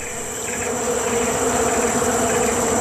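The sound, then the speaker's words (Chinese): A dense swarm of bees hums steadily around a honey-filled hive found by a Malayan sun bear, their overlapping wingbeats forming a continuous, fairly loud droning buzz with no pauses and no voices. “这只马来熊似乎发现了什么，是一个蜂巢，”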